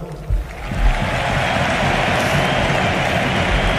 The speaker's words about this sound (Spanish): Aplauden Deco y Boyan en el palco del Camp Nou, junto a Alejandro Echevarría, también Joan Laporta a vosotros, y Rafa Juste en el césped.